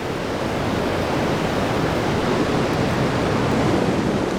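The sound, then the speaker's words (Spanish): A loud, continuous roar of rough Atlantic Ocean surf near kelp forests, dense and hissing with no breaks between waves, steady throughout with no voices. “El océano turbulento cerca de los bosques de algas también genera cantidades impresionantes de espuma nutritiva.”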